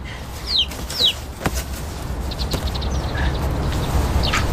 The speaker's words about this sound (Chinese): 哎呀，小鸡崽儿。